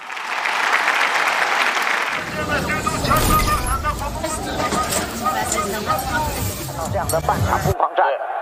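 An audience claps steadily for several seconds as guests, football fans from Tibet, are welcomed. The applause then grows fuller, with deeper rumbling and tonal sounds mixed in, before cutting off sharply near the end.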